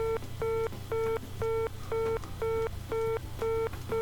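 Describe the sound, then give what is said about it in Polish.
Telephone line signal tones from a handset connected to a phone gateway: eight evenly spaced beeps, about two per second, at a steady mid pitch, fairly loud over a low background hum, with no talking. “Bo jeśli komuś spadnie słuchawka z widełek, a ktoś nie dosłyszy, to za chwilę usłyszymy, co się stanie.”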